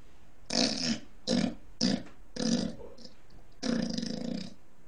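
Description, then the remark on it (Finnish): A person imitates a pig with five loud, throaty grunts in an uneven rhythm, the last one long and rough, with no other talking, as one of six animal sound imitations. “Sitten tulee sika.”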